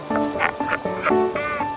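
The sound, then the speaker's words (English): A clamor of albatross calls at the onset of breeding season: harsh, nasal, harmonic cries overlapping in quick succession, a half-dozen bursts in under two seconds, loud and continuous, with no talking. The calls come from established couples reaffirming their bonds and from young albatross in their first breeding year competing for partners. “All around him is the clamor of established couples reaffirming their bonds.”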